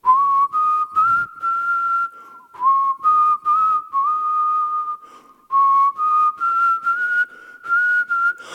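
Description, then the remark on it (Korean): A person whistles a bright, steady melody on a radio show, holding long notes and stepping between pitches in short phrases, with brief breaths in between and no talking. “휘파람으로 어떻게 하죠?”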